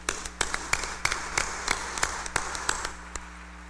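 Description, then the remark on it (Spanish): Sparse, uneven hand clapping in a church during a wedding, a welcome applause for two guests: roughly a dozen sharp claps spread over a few seconds, as if only a few people are applauding, with a steady low hum underneath and no talking. “démosles también un fuerte aplauso de bienvenida.”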